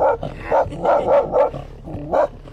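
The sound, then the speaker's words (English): Dogs bark ferociously at two muskox grazing on shore. They give a rapid, agitated string of about half a dozen sharp, loud barks with short gaps between them and no talking. “They giggle as the dogs ferociously defend them against two muskox grazing on shore.”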